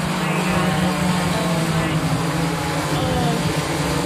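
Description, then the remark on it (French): An Amazon delivery drone flying overhead above a town near Dallas, its propellers producing a steady, loud droning buzz with a low humming tone and a hissy whir layered above, unbroken for the whole stretch. “Il n'empêche, le bruit exaspère les habitants de cette ville près de Dallas et nous aussi.”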